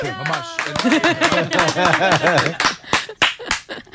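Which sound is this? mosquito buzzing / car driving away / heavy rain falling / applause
applause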